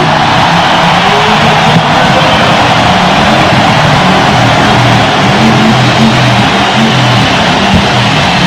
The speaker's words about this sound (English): And here comes the Harley.